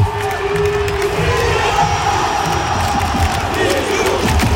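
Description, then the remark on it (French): A huge crowd at the Stade de France roars and cheers without pause to welcome Zinedine Zidane just before kick-off of France's match against Italy, a dense, loud wall of voices with shouts and whistles rising out of it, swelling in waves throughout. “Ça, c'était l'accueil du Stade de France.”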